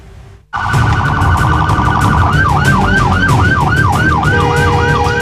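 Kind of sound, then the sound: vehicle, ambulance siren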